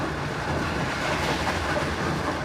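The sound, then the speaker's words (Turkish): A passenger train in Ukraine, carrying Ukrainian passengers during the war, rolls steadily along the rails, with a continuous rumble and rhythmic clatter of wheels, heard fairly loud from onboard with no speech. “Savaş süresince Ukrayna'yı ziyaret eden birçok siyasiyle trenle seyahat etti.”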